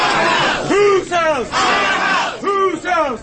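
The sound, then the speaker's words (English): A large crowd of protesters opposing congressional redistricting chants loudly in unison at a Louisiana Senate Governmental Affairs meeting, filling several hearing rooms in the Senate lobby, voices rising and falling in rhythmic shouted phrases that repeat every second or so, reverberant. “Crowds filled several hearing rooms in the lobby of the Senate during Friday's Senate Governmental Affairs meeting on new proposed congressional districts.”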